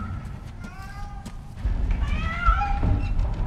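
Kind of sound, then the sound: animal, cat meowing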